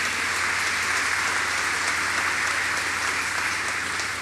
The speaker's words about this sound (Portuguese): A eles a nossa gratidão, a calorosa salva de palmas.